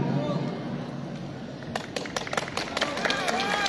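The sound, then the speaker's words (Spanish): Scattered, uneven clapping from an audience at the presentation of a public work for San Luis, in the province of Carlos Fermín Fitzcarrald, breaks out after a moment of murmuring voices and grows into steady applause, with sharp individual claps standing out over a background of crowd noise. “¡Bravo! Esos aplausos.”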